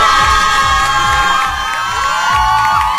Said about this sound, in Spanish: Tenemos espacio aquí en el auditorio de la mejor como para 300 personas, pero hay unos sentados en la escalera, 400 más o menos. ¡Ven, otro aplauso que se oiga!